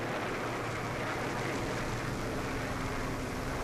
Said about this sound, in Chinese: 美国飞机这几天老在这转，怕不是好事啊。